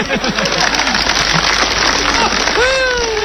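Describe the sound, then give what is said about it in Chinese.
Dense, steady audience applause fills the whole stretch, a continuous crackling wash of clapping, while voices call out over it and one rises into a drawn-out shout near the end; the applause is called for as a performer is about to open a suitcase. “哎，大妈，我要把这个箱子打开，不要多了，您给我5秒钟的掌声，好不好？”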